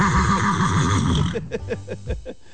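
A loud horse whinny with a rapid wavering trill, breaking into a series of short snorting, nickering bursts before trailing off.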